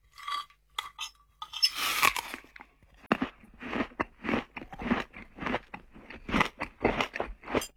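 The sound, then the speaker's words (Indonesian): A father eating a meal cooked by his child chews crunchy food in a steady rhythm of crisp, crackling bites, with a brief rustling scrape early on and no talking. “Alhamdulillah nikmatnya makan ini nak.”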